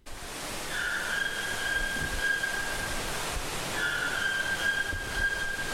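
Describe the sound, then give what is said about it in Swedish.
A white-throated toucan calls twice in the rainforest, each a long, steady, high-pitched tone lasting a few seconds, over a constant loud rushing hiss of background noise. No one speaks. “Vi hör någonting som ropar, ja, det är en vitstrupig tukan som finns här i regnskogen som ropar.”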